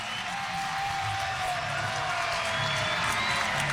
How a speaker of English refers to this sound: Well, the fans have something to cheer about. 2 runs are in. Successive wild pitches.